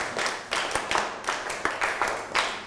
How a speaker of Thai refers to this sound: ถ้าอยากแล้วปรบมือ1ครั้งปรบมือ2ครั้งปรบมือ1ชุด